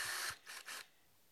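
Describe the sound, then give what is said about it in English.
A drill with a drill guide bores holes through clamped wooden side pieces in three short, harsh bursts, the first longest, each a rasping, grinding noise, followed by a quiet pause; the holes are sized to accept a brass rod. “So I'll line them up, clamp everything down, and drill.”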